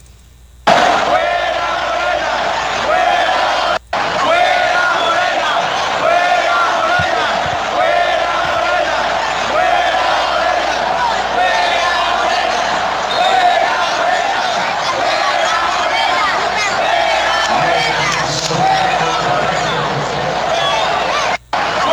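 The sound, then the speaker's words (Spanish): A huge stadium crowd chants the protest slogan "Fuera Morena" loudly in unison, a dense, echoing roar of many voices that rises and falls rhythmically and continues almost without pause for about twenty seconds. “Preguntan que si hubo grito de fuera Morena en el estadio. Sí, sí hubo grito.”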